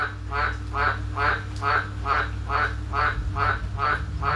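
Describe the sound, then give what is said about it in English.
Frogs croak in a loud, steady chorus, about two raspy calls per second repeating evenly over a low continuous drone, with no voices. “There's no need for that many frogs.”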